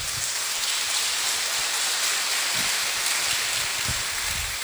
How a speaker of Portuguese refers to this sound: Uma salva de palmas.